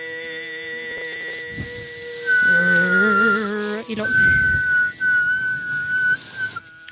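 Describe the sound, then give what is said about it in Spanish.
A single throat singer, with one throat and one voice at the same time, voices a small bird's song: a high, whistling overtone flutters and trills above a steady, rough, buzzing drone, both sustained and loud for several seconds. “lo más asombroso es que este canto lo hace al mismo tiempo, les vuelvo a repetir porque a mí me parece asombroso, es una sola garganta, es una sola voz, el mismo cantante hace la voz ronca y luego saca el sonido del pajarito.”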